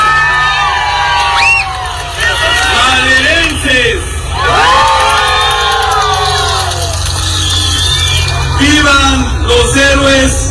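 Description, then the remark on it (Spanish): A large crowd of hundreds of families gathered on the esplanade of the municipal presidency cheers and shouts "¡Viva!" together during the Independence cry for the 216th anniversary of Mexican independence. The cheering is loud and sustained, with overlapping voices, whoops and rising yells swelling in repeated bursts. “grito de independencia en el marco del 216 aniversario del inicio de la independencia de México, ante cientos de familias maderenses congregadas en la explanada de la presidencia municipal para vitorear a los héroes que nos dieron patria y libertad.”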